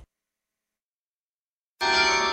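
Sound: church carillon bells ringing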